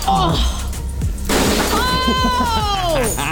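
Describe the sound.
Glass shatters in a sharp, noisy crash in a rage room, followed by scattered tinkling, while people react with loud, excited voices over the breakage.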